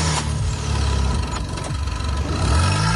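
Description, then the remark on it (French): A car engine runs loudly for the whole stretch, its low rumble wavering in pitch and swelling slightly near the end, with no voices. It is the engine of a car with a good battery, started and left running while jump-starting another car with a dead battery. “Une fois les deux voitures ainsi reliées, démarrez le véhicule équipé de la batterie en bon état et laissez tourner le moteur quelques instants, puis essayez de démarrer la voiture en panne.”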